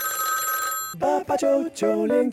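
A telephone rings with a steady electronic tone for about a second, then cuts off as a caller's line connects on a call-in show and a voice begins speaking.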